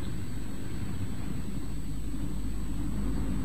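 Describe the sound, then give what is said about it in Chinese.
A car engine rumbles low and steady, a continuous motor drone with no voices, as the car carrying two parents rolls in and comes to a halt. “车刚停下，没等爸爸妈妈进屋喘口气儿，儿子就堵在汽车门口了。”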